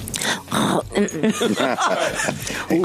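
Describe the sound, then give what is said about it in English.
Someone imitates a cat purring with their voice: a rough, rumbling, snorting sound that pulses continuously for about three seconds, fairly loud and throaty, with no other voices. “Do your cat purr.”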